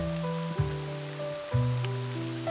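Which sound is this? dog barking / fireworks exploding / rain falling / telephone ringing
rain falling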